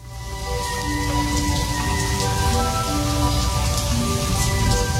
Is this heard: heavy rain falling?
yes